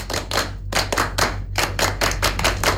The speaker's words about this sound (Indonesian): Dua kali tepuk pramuka.